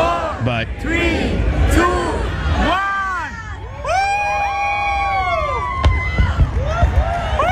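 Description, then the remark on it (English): A fireworks display in New York City, heard without music: fireworks whistle and shriek in rising, falling arcs over a steady roar of a large cheering crowd, with a few sharp bangs cutting through near the end. “this is the fireworks portion. This is not through NBC, so they're not incorporating the music.”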